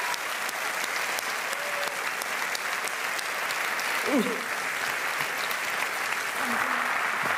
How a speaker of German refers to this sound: Bitte aufstehen und applaudieren